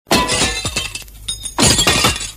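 A window pane polished with Clarisol shatters with a loud, bright crash as someone walks straight through it, then a few tinkling shards fall before a second burst of breaking glass rings out. No voices are heard.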